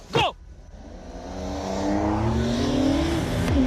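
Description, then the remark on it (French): An old combustion-engine car with no electronic aids roars as it launches without launch control after a 3, 2, 1 countdown, revving higher with rising harmonic tones, then dropping sharply for a gear change before climbing again, loud and steady with no voices. “Mais pour le moment, les moteurs thermiques, moi, ça me va déjà super très bien. Hein? Puis en plus, il y a le son qui va bien avec.”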